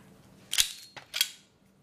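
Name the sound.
revolver gunshot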